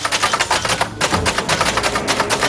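Rapid, uneven clacking as people bash the keys of orange typewriters set up in a library in Zwolle, a dense run of sharp mechanical strikes with a brief pause near the middle, fairly loud with no voices.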